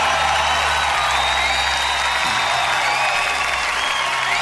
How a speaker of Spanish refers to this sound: Oye, buena onda los chiquillos, una pareja de cabros jóvenes ahí, emprendedores. Luchadores viejos ahí sacando su pyme, no, espectacular, así que no, y exquisitas las cosas que ofrecen, así que un aplauso para ellos.